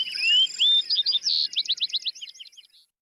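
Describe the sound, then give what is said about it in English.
A bunting, flying back down to earth, sings a lively, complex song: clear rising whistles followed by a rapid series of sweeping trilled notes and buzzy phrases, bright, fading out after a few seconds with no talking. “Flying back to earth, the bunting belts out a complex series of trills, whistles, and buzzy phrases.”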